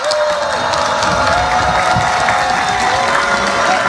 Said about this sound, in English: Her speech drew a mixed response from grads of the nation's top historically black school, a mix of cheers, boos, and chants of free D.C. from students and spectators.